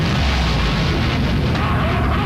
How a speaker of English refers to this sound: The muffler is so loud, it not only wakes up his wife, it wakes up the entire angry neighborhood.